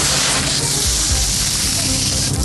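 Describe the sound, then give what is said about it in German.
Outdoors at a bathing lake with a sand beach, fine sand pours and trickles in a dense, steady hiss after a shovel scoops into it, with a few soft low thuds mixed in. The grainy rush stays loud and even throughout. “Ich habe das Gefühl, du gehst mit einer Schaufel oder irgendetwas rein und dann rieselt es.”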